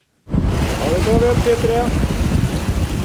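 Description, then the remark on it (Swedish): Steady wind roars across the open deck of a research ship on a windy Tuesday morning as a rig with sample tubes is winched up from the sea, with the wash of the sea below, and a brief high mechanical whine rises and falls midway through. “Forskningsfartyget Svea vinschar en blåsig tisdagmorgon upp en ställning med tuber ur havet efter att ha hämtat vattenprover från olika djup.”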